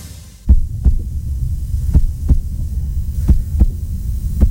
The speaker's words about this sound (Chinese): 这是一位护士被大声吼叫，威胁，甚至被抓住之后的心跳声，对员工的攻击和暴力会造成伤害，不可越界。